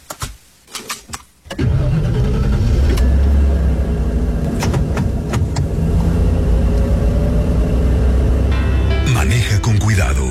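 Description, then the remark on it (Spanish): A car engine cranks in a few short, choppy bursts, then catches and settles into a steady, loud, low rumbling idle that continues to the end. “Mami, antes que encendas el auto, que fue lo que soy pequeño, necesito mi sillita para ir seguro.”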